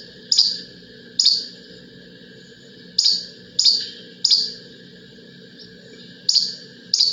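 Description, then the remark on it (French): A flycatcher in Quebec repeats a short, sharp two-note song about once per second or so, loud, with steady background hum and faint chatter from other birds underneath. “Celui-ci, c'est des zones. Moucherolle, Québec.”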